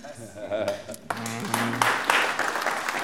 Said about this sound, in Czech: Jak tleská jenom někdo, jak jsou tady jako zase faninky někoho jiného.